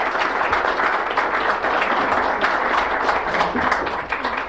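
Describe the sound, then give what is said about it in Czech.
Steady, dense applause from a crowd, many hands clapping together in a continuous loud wash without pauses, tapering slightly at the end. “Teda tomu já věřte tleskám.”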